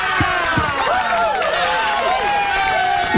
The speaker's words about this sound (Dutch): En wil jij ook applaus?